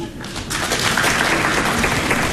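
An audience at a comedy performance breaks into sustained applause when urged by the performer, a dense, steady patter of many hands clapping that swells after a brief quieter start and stays loud throughout.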